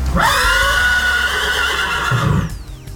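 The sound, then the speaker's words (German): A horse lets out a loud whinny that rises sharply and then wavers for about two seconds as its rider spurs it and gallops off, followed by a brief rumble of movement as the sound fades. “Ich komme morgen wieder und hole das Geld oder deine Tochter, sprach's, gab dem Pferd die Sporen und sprengte davon.”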